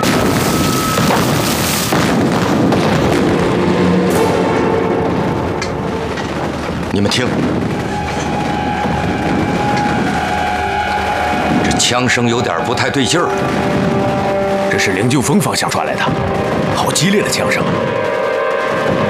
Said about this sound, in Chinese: 你们听，这枪声有点不太对劲儿。这是灵鹫峰方向传来的，好激烈的枪声，还有迫击炮声。